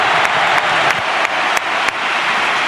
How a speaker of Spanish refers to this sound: Dani Ceballos se marcha, el dorsal número 22 se marcha, el mago Isco Alarcón, y entra el genio Dani Ceballos al campo. Ovación tremenda, cercana a Cartuja.